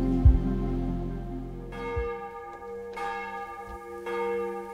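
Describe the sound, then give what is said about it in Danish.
Large church bells of Vor Frue Kirke, Copenhagen Cathedral, toll out over the rooftops of Copenhagen in overlapping strikes, each new stroke blooming with bright ringing overtones over a deep, sustained hum, the peals arriving about once a second and layering into a rich resonant wash. “Så klinger klokkerne fra Vor Frue Kirke ud over Københavns tage, og nu også ud over det ganske land.”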